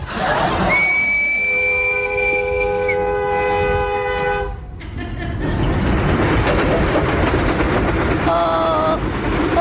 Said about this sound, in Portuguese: Onde é que vai aquele comboio? Aquele comboio vai para Coimbra.